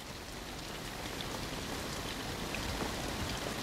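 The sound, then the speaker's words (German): Heavy rain pours down outside, a dense, continuous hiss of drops drumming on surfaces with no pauses, loud throughout. “Willst du sie alleine lassen draußen im Regen? Regnet es? Na hör doch, es drischt.”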